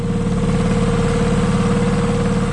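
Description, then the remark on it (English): A steady, loud idling boat engine chugs, its low rumble and rhythmic mechanical throb holding constant for a few seconds with no voices. “Sounds like my stick blender. But no, in Auckland, the New Zealand Boat Show is on this weekend at Auckland Showgrounds.”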